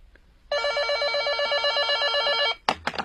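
A telephone rings steadily for about two seconds with a bright, rapidly trilling electronic bell, fairly loud, a call from an investigator searching the Longshan Road residential area, then cuts off abruptly, followed by a couple of brief clicks or handling noises.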